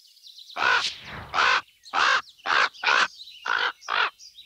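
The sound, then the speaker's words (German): A series of seven harsh, raspy croaks from ravens, coming in an uneven rhythm with short pauses between them, loud and alone with no talking. “Aber das Krächzen von Raben?”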